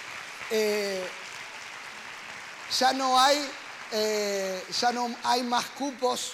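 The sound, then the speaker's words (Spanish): An audience applauds in a steady, dense wash of clapping, with bursts of vocal cheering and shouts rising over it throughout. “Pueden dar un fuerte aplauso.”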